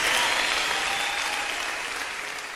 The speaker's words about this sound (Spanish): Fuerte el aplauso al Señor. No nos escuchan en el cielo.